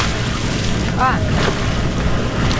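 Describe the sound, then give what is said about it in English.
Water splashes and churns steadily under a constant wash of wind, with brief swishing strokes near the middle, as sculling oar blades pull a boat through the Cuyahoga River. “Sculling on the Cuyahoga River.”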